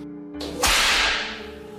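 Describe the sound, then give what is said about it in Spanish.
A single sharp whip lash cracks loudly, its bright snap fading over about a second above a low, steady background drone. “cruzó el cuerpo de Juan Darien de un feroz latigazo”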